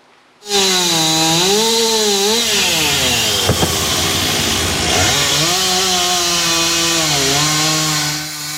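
A chainsaw roars continuously as it cuts into several pieces a large tree that fell on a parked car and trailer on Râul Doamnei street, Drumul Taberei, Sector 6, Bucharest, to clear the street. Its engine pitch dips under load and rises again, with a brief crack of wood midway through.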